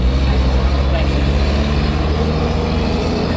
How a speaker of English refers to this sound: I'll let the car pass.